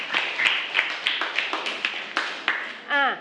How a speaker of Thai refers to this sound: ปรบมือ